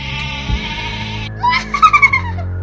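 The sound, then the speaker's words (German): A loud sheep bleat with a quavering, pulsing tremble, heard over a steady hissing background hum that cuts off just before the cry. “Dann schau mal, wie dieses Schaf mit diesem Feuerball zurechtkommt.”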